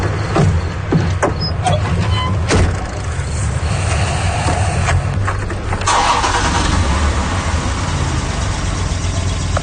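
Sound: car engine starting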